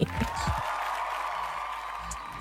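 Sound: audience clapping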